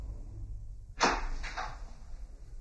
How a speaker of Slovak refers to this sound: Dva oblúočky v bielej stene, dvoje krokov po podstene, vrzgot dverí, všuchnime sa dnu.